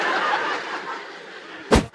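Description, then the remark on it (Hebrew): A steady murmur of a crowd, then near the end a single sharp sneeze bursts out from an audience member, brief and fairly loud above the background. “אני שמעתי אפצ'י, לא יודע איפה זה בא, אבל”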